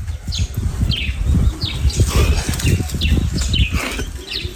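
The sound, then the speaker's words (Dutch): Small birds chirp in short, repeated bursts over a steady low rustling and fluttering, like wings or movement, where chickens, chicks and goats are kept. The chirps come irregularly, moderately loud, with no voices. “Hoor je het gegraas? De vogeltjes?”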